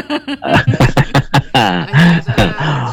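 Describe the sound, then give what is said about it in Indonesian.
A radio broadcaster makes a loud run of throat clearing and short coughs, several rough bursts in quick succession with voiced, grunting edges between them. “Buat semuanya aja karena keburu batuk saya juga deh.”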